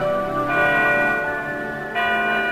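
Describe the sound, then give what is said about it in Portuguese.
Church bells, played as a sound effect, ring out with rich, sustained resonant tones. A fresh strike lands about every second and a half over the lingering hum, fairly loud, with no voices. “Ei, ei, ei, ei, solta lá os sinos.”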